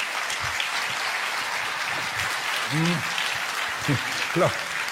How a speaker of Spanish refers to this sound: Los que están aplaudiendo son los que lo pescaron. Y los que no aplaudieron también lo pescaron, pero no quisieron aplaudir.